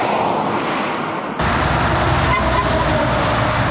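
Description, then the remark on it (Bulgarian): Steady, loud roar of heavy truck traffic on a road, with heavy vehicles rumbling, a dense wash of engine and tire noise that swells after a brief quieter moment at the start. “На този фон, както казахте и вие, започна контрол на пътя спрямо тежкотоварния трафик.”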